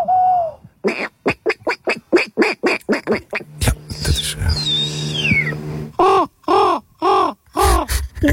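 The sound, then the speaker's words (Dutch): Contestants at earlier editions of the Open Dutch Championship of bird whistling imitate bird calls with their voices: a quick run of harsh, evenly spaced cawing and quacking notes, a stretch of high gliding whistles, then more loud croaking calls. “In het Giftpark in Utrecht, het Open NK Vogelfluiten.”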